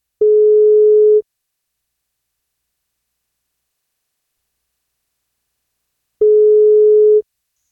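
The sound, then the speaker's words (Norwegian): A telephone ringback tone on an outgoing call: two steady, single-pitched beeps about a second long, separated by roughly five seconds of silence, clear and unaccompanied by any voices. “Men for at hun skal få bursdagskake, så må hun ta telefonen når vi ringer.”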